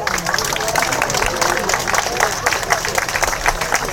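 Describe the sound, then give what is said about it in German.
Steady applause from an audience, a dense wash of many hands clapping at an even, loud level throughout with no pauses. “die alles zusammenhält und jetzt sich über Applaus freut.”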